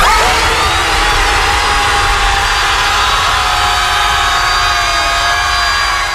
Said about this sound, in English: before the big group scream that you just heard there, they had a screaming contest